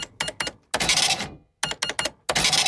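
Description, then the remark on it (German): An old mechanical cash register that does not beep, of a kind heard often in the 1980s, being operated: a run of sharp clacking key presses, then a bright ringing bell with the drawer rattling open, repeated twice, loud with no talking. “Die alte Registrierkasse, die noch nicht piept hat.”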